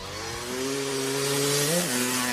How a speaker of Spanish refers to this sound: Y nos vamos, nos subimos a la moto que arregló Luca, y nos vamos por lo menos por unos minutos, ¿eh?